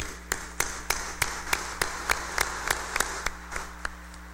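An audience claps in a steady, even rhythm, about fourteen sharp claps over a few seconds, with a low constant hum underneath and no voices.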